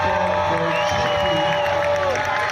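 A loud, steady wash of cheering from children at a yearly Sokol Hluboká nad Vltavou tournament for players up to 10 years old, with 24 teams, with high-pitched shouts and whoops from many young voices blending together with an echo.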